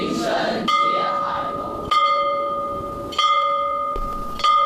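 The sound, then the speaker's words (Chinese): The bronze bell hanging on the campus of Xiuzhou Middle School in Jiaxing, a school with 120 years of history, is struck four times at a slow, even pace. Each clang rings out loud, its rich metallic tone lingering and overlapping the next stroke. “在古城里有一所有着120年历史的秀州中学，从建校那天起，校园里就挂起了一口铜钟。”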